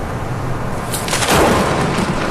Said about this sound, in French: Là, ce que t'entends, c'est les coups de foudre.